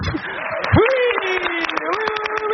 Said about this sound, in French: Et encore des applaudissements pour celui qui vient nous rejoindre en studio. Vous ne rêvez pas, cher public, c'est bien lui.